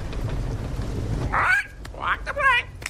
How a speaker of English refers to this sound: What did the bird say?